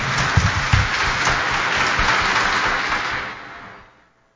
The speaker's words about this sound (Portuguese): Vamos nos acolher com as nossas palmas. Bem-vindos, bem-vindas.